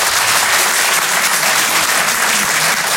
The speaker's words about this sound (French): Par applaudissement dans la salle, est-ce qu'il y a des gens qui, comme moi, sont en province? Donnez-moi de la force par applaudissement.